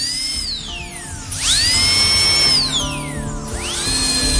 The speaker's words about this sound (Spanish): Y parece ser que ya utilizan taladros para tratar las caries.